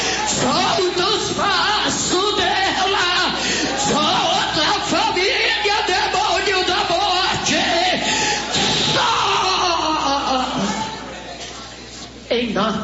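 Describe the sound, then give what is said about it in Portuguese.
During a religious deliverance prayer commanding Satan to leave a woman's body, someone screams and yells loudly in long, strained cries, tangled with other raised voices and crowd noise, continuing almost without pause before dropping off briefly near the end. “Pode gritar, queima.”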